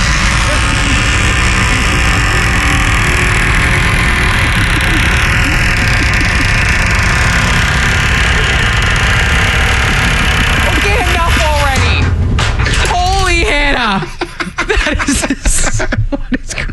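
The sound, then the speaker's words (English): A door creaks shut with a few warbling, high-pitched groans over a steady background hum, followed by several sharp knocks and clatters as it closes. “Well, here the one back here does. Here it is being closed.”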